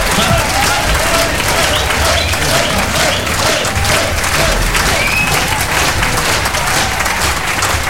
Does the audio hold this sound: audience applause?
yes